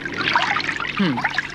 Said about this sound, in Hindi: अभी देखती हूँ। ये रहा पानी का नल।